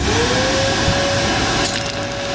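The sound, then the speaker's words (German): A vacuum cleaner drones steadily with a sustained whine, and partway through a small object rattles and clinks as it is sucked up, a brief metallic scatter over the motor noise. “Gestern ist der Staubsauger 125 Jahre geworden. Deswegen habe ich mal etwas eingesaugt.”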